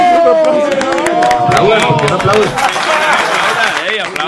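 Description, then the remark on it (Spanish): A crowd claps steadily throughout, a dense patter of hands under several voices talking and calling out over it, loud for the whole stretch. “Por favor, un aplauso.”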